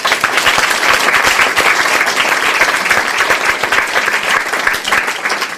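Sustained audience applause for a poet and prose writer, a dense, steady wash of many hands clapping at full volume for several seconds with no voices standing out.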